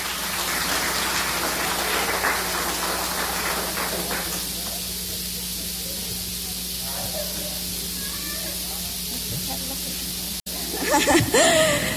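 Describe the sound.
A crowd applauds with a dense, crackling patter of clapping that is strongest in the first few seconds, then thins and fades over a steady low hum, with a brief voice near the end.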